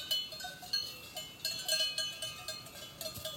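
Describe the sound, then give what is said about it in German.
Cowbells clank irregularly as cows graze peacefully in Oberliens, near a high-tech firm; several bright metallic rings overlap at uneven intervals, moderately loud against a soft outdoor background with no voices. “Wenn man nach Oberliens kommt, würde kaum jemand es für möglich halten, dass es hier eine Hightech-Welt gibt, wo unweit der Firma die Kühe friedlich grasen.”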